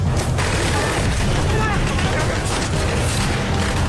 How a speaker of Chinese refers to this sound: 其余的宪兵见了，急忙寻找掩体进行还击。顷刻间，车站内枪声、手雷声大作，立刻便热闹了起来。